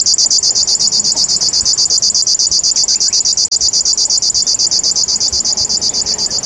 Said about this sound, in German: Und ab und an in seiner westlichen Verbreitungsgrenze hier der Schlagschwirl, der dann so ein bisschen so ein Nähmaschinengeräusch hat.